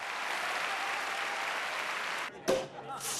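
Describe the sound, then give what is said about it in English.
An audience applauds a performer's bow in a steady, dense wash of clapping for a couple of seconds, then it cuts off abruptly and a brief voice is heard. “Charity smiles and applauds with her daughters.”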